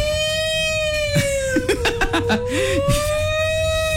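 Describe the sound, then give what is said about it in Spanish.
A steady, loud siren in an advertisement for the Elektra store's "días rojos" (red days) sale wails through the whole moment, its pitch sagging slightly and rising again, while short bursts of voices or laughter pop up in the middle. “Y ahí está la sirena avisando.”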